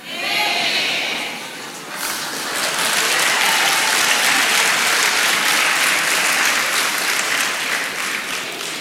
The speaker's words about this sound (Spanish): Ahora aplauden, hermano, qué hipocresía más grande.